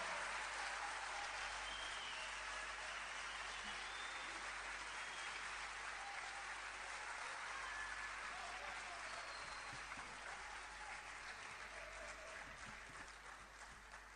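Sustained applause from an audience, a dense steady wash of clapping that holds for about fourteen seconds and thins slightly at the very end.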